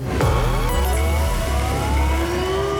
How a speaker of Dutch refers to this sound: Dit is het voorbeeld. Dus dit is niet het echte alarm. Dit is dus nog niet waar je op moet reageren om die noodradio in de wacht te slepen. Maar even voor dat je weet hoe die klinkt.